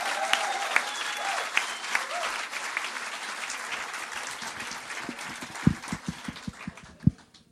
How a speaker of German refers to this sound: Ich räume die Bühne und bitte das Publikum einen finalwürdigen Auftrittsapplaus für den ersten Finalisten, für den Mann aus Nürnberg